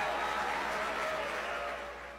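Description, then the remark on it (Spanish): A dense, steady wash of clapping from a small group of people in the studio booth during a live program, continuous for a couple of seconds and fading slightly at the end. “Un aplauso ahí en la cabina. Que se hagan aplausos.”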